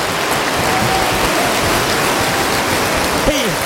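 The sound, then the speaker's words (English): A church audience claps hands during a morning sermon in a dense, continuous patter that stays steady and fairly loud throughout, with a voice briefly rising above the clapping near the end. “I wonder if there's anybody that feels like clapping your hands this morning.”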